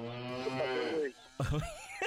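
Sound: cow mooing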